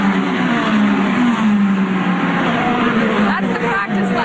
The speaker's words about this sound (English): The cars will be hitting 200 miles per hour. It is the first ever NTT IndyCar Series race on the National Mall. It starts just after 1 p.m. Eastern there in Washington, D.C.